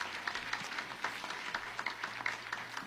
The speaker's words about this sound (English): Also, could our panelists please stand up as well. Let's give a big round of applause to each and every one of our panelists here tonight.